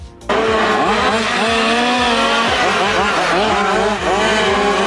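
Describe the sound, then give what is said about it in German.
Several remote-control model cars, small enough to fit on a living-room table, race at full throttle at the Wiesbadener Minicar-Club (WMC); their high-pitched electric motors whine loudly and continuously, pitches rising and falling as they speed past. “Die Autos, die hier gerade mit Vollgas unterwegs sind, passen nämlich locker auf unseren Wohnzimmertisch.”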